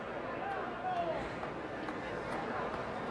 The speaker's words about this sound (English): Well, you could hear it with the groan of that crowd. They knew it was not just gone, it was long gone.